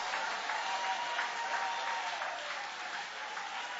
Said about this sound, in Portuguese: Aplaude a Ele então, louve a Ele.